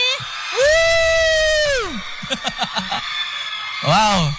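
Supporters of finalist Nazan Evan Irhandi cheer loudly at the Bintang Radio RRI Samarinda final, heard as far as Gor Kadri Uning: a long, high whooping shout rises and holds for over a second, followed by choppy bursts of yells and another rising whoop at the end.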